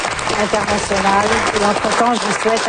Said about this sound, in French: Les mots de la fin enterrés par les applaudissements.